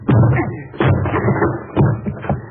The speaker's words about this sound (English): I'll have to break the door down, Margo. Look out.